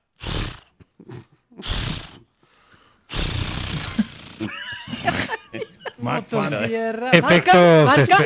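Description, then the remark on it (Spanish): A voice imitates an Acme-brand chainsaw trying to start, as a special effect: two short breathy pull sounds, then a longer loud raspy sputter, followed by wavering vocal noises that drift into laughter-like sounds. “No, pero estaba sonando buena el intento de encendido.”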